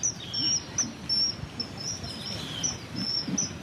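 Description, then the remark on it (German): A kingfisher's thin, high-pitched calls, played from a Bluetooth speaker set against a tree trunk that juts out over the water, repeat in a steady series of short piercing whistles, fairly faint and tinny over a low outdoor rumble, with no voices. “Sie spielt über die Box das Zwitschern des Eisvogels ab.”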